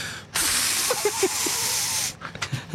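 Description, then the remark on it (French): A voice imitates rain with a steady, breathy hiss lasting nearly two seconds, a few soft low clicks dotted through it, then it stops abruptly and a couple of quick mouth sounds follow. “La pluie.”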